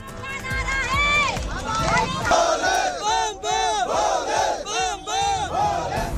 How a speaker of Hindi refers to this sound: दिव्य अमरनाथ यात्रा के लिए जम्मू में बड़ी तादाद में जुटे लगे श्रद्धालु, बम बम भोले के जयकारों की गूंज।